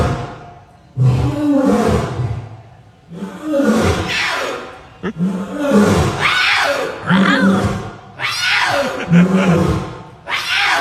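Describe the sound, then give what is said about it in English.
An adult male lion at a zoo roars in a series of loud, rumbling bursts, about five in all, while his young cub's higher, strained attempts at roaring mix in between and alongside. “But the daddy lion roars, and the baby cub tries to keep up with the dad roaring, and it's just so cute.”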